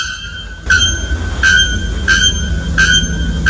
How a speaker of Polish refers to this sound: Pierwszy to dzwonnik nagoszyi, ptak zamieszkujący atlantyckie lasy Brazylii, znany ze swojego donośnego metalicznego śpiewu.